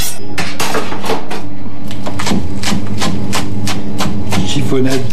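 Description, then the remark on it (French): A knife chops oak leaf lettuce into a chiffonade on a cutting board in a quick, slightly uneven series of crisp taps, about a dozen strokes, with a faint voice murmuring underneath. “Avant de faire ma chiffonnade...”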